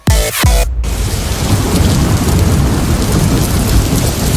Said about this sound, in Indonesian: Setiap kali hujan turun deras, hati ini berdebar.